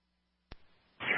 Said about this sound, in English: Static, okay.